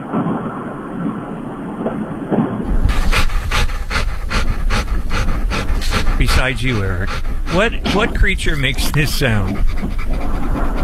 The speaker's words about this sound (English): Oh, it sounds like my dog after he chases his dog. That is a dog.